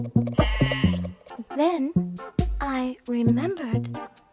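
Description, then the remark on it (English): A voice imitates a sheep, giving a series of about five wavering, nasal baa bleats in quick succession, loud with short pauses between them. “And I replied baa, baa.”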